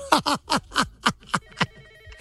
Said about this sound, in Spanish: ¿Es el teléfono?